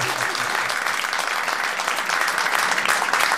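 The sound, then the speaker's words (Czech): A steady burst of applause from a group, given to encourage a guest, dense rapid clapping sustained at an even, fairly loud level for a few seconds, with no voices standing out. “No, my tě povzbudíme potleskem, snažíš se, zdařile.”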